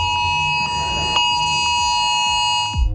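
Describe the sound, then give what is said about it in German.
A mobile phone emergency alert, a test on Germany's nationwide warning day at 11 o'clock, blares a harsh, steady electronic tone for about three seconds, loud and unbroken, with faint rhythmic pulses inside and no voices. “15 Minuten um 11 Uhr macht euer Handy dieses Geräusch.”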